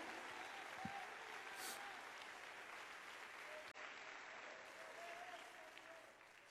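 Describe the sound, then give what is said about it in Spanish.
A large gathering claps steadily for several seconds as applause of glory to the Lord after preaching about Jesus, a dense, even wash of applause with no one speaking over it, holding at a constant level with only a brief dip near the end. “Dale un aplauso de gloria al Señor.”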